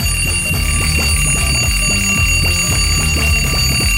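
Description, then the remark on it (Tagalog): A loud alarm clock rings in the morning without pause, a bright sustained tone driven by a fast, steady pulsing rhythm that continues for several seconds with no voices. “Ari ay ringon na pagkita nga nga alarm clock this morning.”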